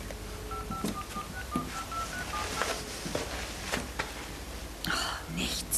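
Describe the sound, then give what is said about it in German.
A telephone automatically redials, playing a rapid string of short, evenly spaced keypad tones that finish within a couple of seconds, as someone tries again to reach a person who cannot be reached at home or on his mobile. Soft, whispery voices and faint rustling sit underneath. “Ja, ich mach mal Wahlwiederholung.”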